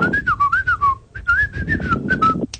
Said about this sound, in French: On peut savoir qui c'est? Tu sais même pas siffler. Ah bah attends, Faut apprendre à siffler avant de faire des conneries comme ça.